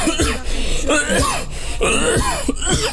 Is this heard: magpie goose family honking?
no